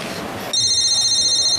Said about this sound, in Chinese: 你电话。